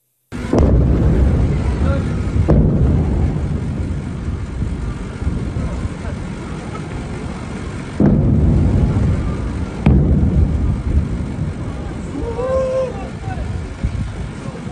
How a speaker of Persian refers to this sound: ویدیوی رسیده از مخاطبی به ایران اینترنشنال وقوع چندین انفجار را در بامداد 24 تیر ماه در سیریک نشان می دهد.